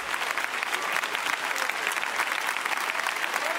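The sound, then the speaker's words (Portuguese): An audience claps for Jesus, steady and continuous dense overlapping applause at a fairly even level from start to finish, with no voices standing out. “Sentem-se. Palmas para Jesus. Palmas para Jesus.”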